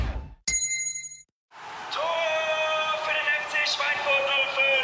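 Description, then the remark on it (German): A single bright gong chime, signalling a drink (hydration) break, strikes once and rings clearly for under a second before cutting off. After a brief silence, a steady tonal bed of sound follows. “jetzt wieder Trinkpause. Der Gong. Hydration Break.”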